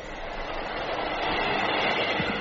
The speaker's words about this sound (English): And there's the first sound effect, but I don't think it's a door handle. No, it's a blizzard